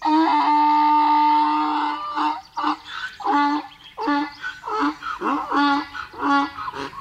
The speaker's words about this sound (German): Wenn der Esel bedroht wird und in Lebensgefahr ist, dann kann man das hören. Der Esel schreit dann laut, erschreckt damit den Feind und warnt dazu die anderen Esel.